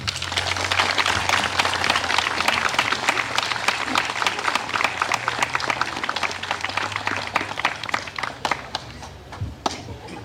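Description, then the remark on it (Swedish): A large audience claps steadily for about ten seconds, a dense wash of many hands with a low hum underneath, fading slightly toward the end. “En varm applåd.”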